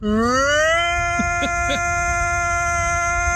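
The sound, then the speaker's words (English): YouTube personality Frankie McDonald imitates a tornado siren, his voice sliding upward into a loud, steady, high-pitched wail that holds for several seconds, with a few brief wavering blips midway. “Beware, that's not a real tornado siren.”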